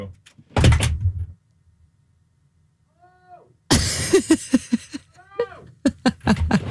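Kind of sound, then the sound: household object, studio door closing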